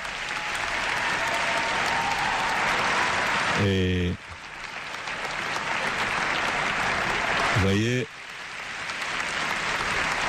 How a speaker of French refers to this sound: je n'ai pas chronométré les minutes d'applaudissement, mais ils manifestent vraiment leur joie depuis que le Saint-Père est rentré dans la salle. Vous voyez, il ne cesse d'applaudir.